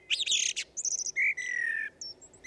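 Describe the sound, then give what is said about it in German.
A songbird sings early in the morning in a quick, varied run of bright chirps, whistles and trills, one long sustained whistle in the middle, with no voices present. “Und auch hier, wie von Zauberhand, findet sich wieder ein Vogel.”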